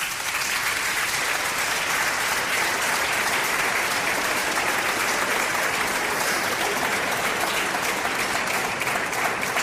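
Sustained audience applause fills the whole stretch, a dense, steady clatter of many hands clapping at an even loudness without pause.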